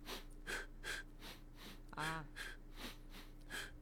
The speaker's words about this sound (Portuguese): Eu dou duas fungadas pelo nariz, solto duas pela boca. Querendo ou não, e tu ainda faz isso no ritmo da música? Sim.